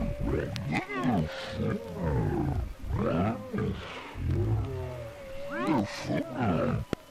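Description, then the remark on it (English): Loud monstrous roars in the night rise and fall in several long, rumbling bursts, one after another with barely a pause, ending in a brief sharp click. “Don't forget those roars in the night.”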